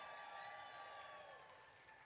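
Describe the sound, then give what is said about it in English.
A small audience claps in a steady, brief burst of applause, tapering off slightly toward the end, with faint voices mixed underneath. “They could have clapped for no reason, but.”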